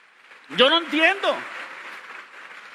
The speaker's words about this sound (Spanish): Dense un aplauso a ustedes mismos por eso.